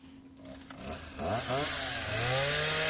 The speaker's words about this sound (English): Can I get a chainsaw, Winston?